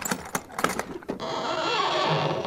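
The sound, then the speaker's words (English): Several quick metallic clicks and rattles, then a sustained, loud creaking groan as a heavy lid is pulled open by several people on stiff hinges needing oil, with no voices. “Oh, those creaking hinges give me the shivers.”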